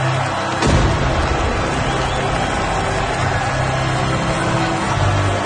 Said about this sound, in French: Les forts et les vaisseaux de guerre ont tiré des salves de coups de canon.